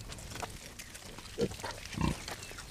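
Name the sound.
pigs grunting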